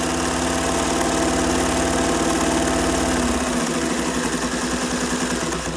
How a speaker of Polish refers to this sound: Czy rozpoznałaś to urządzenie? Tak, oczywiście, to moja ukochana maszyna do szycia.